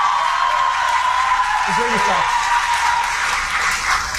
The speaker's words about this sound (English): Now, this is the second time this speaker has been booed, which is important.